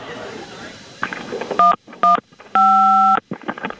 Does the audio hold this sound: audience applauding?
no